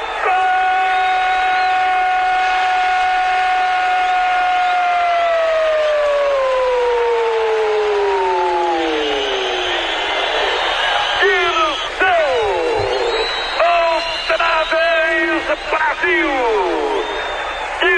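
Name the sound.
stadium crowd shouting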